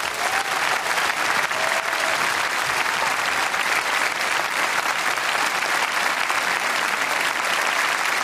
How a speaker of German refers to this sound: Ein Riesenapplaus bitte nochmal für die jetzt, weil es tatsächlich, ich habe es gerade schon angedeutet, das erste gemeinsame Konzert ist. Ein Riesen-Extra-Applaus.